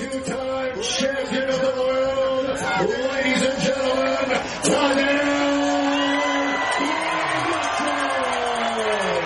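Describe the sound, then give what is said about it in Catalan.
A crowd at the Fòrum cheers and whoops steadily in an ovation for Slovenian cyclist Tadej Pogacar at a team presentation, with loud overlapping shouts and sustained voiced calls rising and falling above a dense wall of applause and noise. “Doncs ja ho sentiu, l'ovació a Tadej Pogacar, que és de llarg el ciclista més aclamat aquí al fòrum.”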